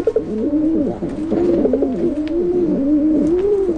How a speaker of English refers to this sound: That soft cooing sound comes from common pigeons called rock pigeons.